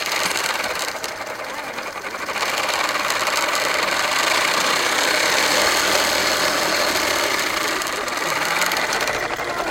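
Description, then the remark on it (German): A bicycle-powered smoothie blender, set into a small table on the bicycle, making smoothies from fruit put into a cup, whirs steadily for the whole stretch, a loud, dense mechanical buzz that rises slightly after the first couple of seconds and holds without pause; no voices. “Also das ist ein Fahrrad, aber nicht ein normales Fahrrad. Dieses Fahrrad hat so einen kleinen Tisch und da im Tisch ist so eine Smoothie-Maschine.”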